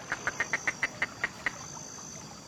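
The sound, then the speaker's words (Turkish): A hunter blows a duck call, a miniature instrument, giving a series of about nine short, nasal quacks, fairly loud, quick at first and then slowing and spacing out before trailing off. “Bugünlerde avcılar kuşlara İspanyol sinekleri gibi gelen ötme dedikleri minyatür enstrümanlar kullanıyor.”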